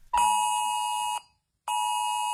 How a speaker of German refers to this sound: Okay, und natürlich nicht erschrecken, auch unsere Handys springen an um 11 Uhr. Das klingt dann so.